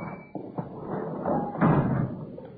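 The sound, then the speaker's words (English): A sticking door is shoved hard to force it open: a couple of sharp knocks and thuds, then a heavier shove with a scraping, grinding rub, moderately loud. “Oh, yeah, gotta shove that door hard. Sticks a little.”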